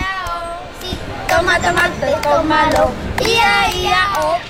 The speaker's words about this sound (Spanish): Sí, ellos, ya habéis escuchado, son niños y niñas que están jugando, correteando por aquí, por el polideportivo.